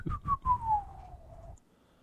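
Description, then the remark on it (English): A single drawn-out whistle from a tortoise, Monsieur Tortue, as it disappears into a bayou, clear, sliding gradually downward in pitch for about a second and a half over a low rumbling background, then stopping abruptly, leaving quiet. “Andre, kneeling on the bank, cried and called to Monsieur Tortue, but the tortoise only rose to give a final whistle as it disappeared into the bayou.”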